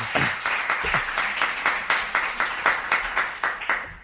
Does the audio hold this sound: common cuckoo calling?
no